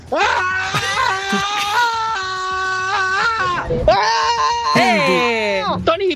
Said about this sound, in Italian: Vai, io urlo. Quindi... io urlo. Vado io, eh. Vai.